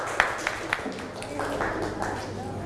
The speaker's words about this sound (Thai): ปรบมือให้กลุ่ม2ด้วยค่ะเก่งมาก